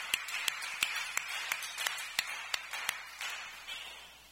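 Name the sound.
clapping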